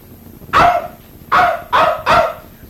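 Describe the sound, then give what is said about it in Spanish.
A small dog barks four times, loud: one bark, a short pause, then three more in quick succession, with no one talking, in the mountains at night. “No te aflijas, perrito, que te vamos a llevar sano y salvo donde tu patrón, ¿oyeste?”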